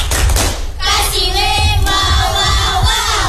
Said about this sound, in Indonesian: Iya, kita tepuk WO dulu buat bertiga. Tepuk tangan dulu. Tepuk WOW. Kasih W. Kasih O.